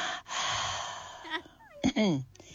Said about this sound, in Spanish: Me encantó escucharte jadear. Es un montón. Yo jadeo así.